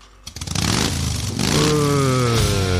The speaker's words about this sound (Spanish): Ese es el Tano. Guarda, pero acá adentro no vas a prender la moto, Tano.